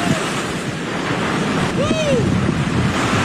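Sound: large ocean wave crashing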